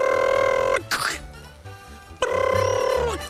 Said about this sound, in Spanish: Suena el teléfono, no 3 veces, pero como estamos de afán, no podemos hacer sino 2.